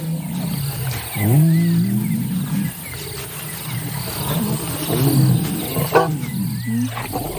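Two lion brothers, reunited after days apart and leaning close together, let out low, rumbling roars in a few separate bursts, with a steady hum of insects and crickets chirping underneath throughout.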